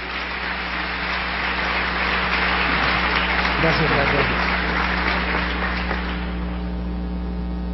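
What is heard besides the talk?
audience applause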